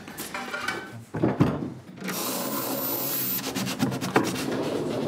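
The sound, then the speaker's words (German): A wooden drawer in an escape-room cabinet slides open with dry scraping and rubbing, a few sharper knocks mixed in, moderately loud, with no one speaking. “Und wenn ich dann nachher alle Fähnchen richtig gesetzt habe, öffnet sich wieder eine Schublade und einen Schlüssel erhalte ich.”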